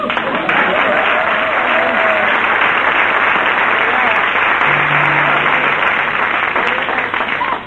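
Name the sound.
audience applause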